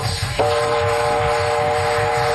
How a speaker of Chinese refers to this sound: 红哥，火车来了，快上车，走